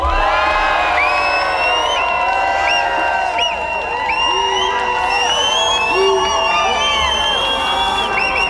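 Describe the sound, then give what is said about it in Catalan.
A large crowd at the final of the Sona Nou cheers and shouts loudly and continuously for a band, many overlapping voices whooping and yelling together in a sustained roar of excitement for several seconds. “És una entrega, una estima per als tres grups que s'estan jugant les garrofes, que hi ha molts nervis, per tant, un crit molt fort per la gent d'…!”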